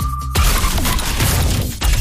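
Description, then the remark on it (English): A short steady horn-like tone cuts off into a loud, sustained crunching smash of a car crash, with metal and glass clattering densely for about two seconds; the crash sound is used in an advertising jingle for Accident Claims Lawyers. “Was made from the sound of a bingle.”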